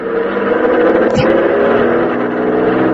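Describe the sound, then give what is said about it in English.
A car engine revs steadily and loudly, a sustained droning roar with a brief sharp knock partway through, as the vehicle pulls forward and around via the road shoulder to squeeze past something blocking traffic. “Yeah, looks like you might squeeze by in the shoulder. Here goes.”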